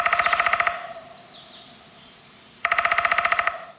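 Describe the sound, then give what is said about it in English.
Two bursts of rapid, even drumming by a downy woodpecker, a quick rattling roll of sharp taps, separated by a pause of about two seconds; a faint high bird call sounds in the gap. “Okay, so as we talk about this, let's listen again a little bit to the sound of a downy woodpecker to remind ourselves how quickly they do it.”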